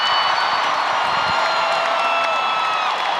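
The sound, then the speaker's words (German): A huge concert crowd in Paris roars with sustained applause and cheering in a standing ovation for a superstar's comeback, a dense, continuous wall of clapping and shouting that stays loud and steady throughout. “Unter tosendem Beifall und Standing Ovations driften die monumentalen Bühnenelemente auseinander.”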